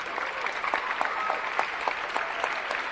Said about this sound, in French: C'est le moment où vous vous applaudissez. L'équipe extraordinaire du Festival d'Avignon.